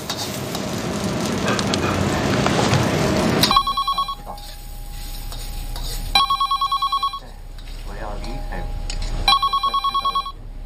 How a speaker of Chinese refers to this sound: 电话你不知道接一下啊，吃饭了。